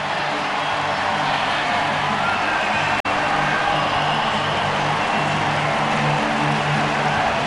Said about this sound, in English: It's a 6-5 Pirates win. The cones are up at home plate, and this crowd going crazy. at PNC.